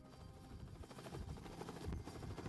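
A helicopter's rotor thumps steadily with a low, rhythmic chop and engine whine, fairly loud, with no voices, as the helicopter lands at Blessing Hospital.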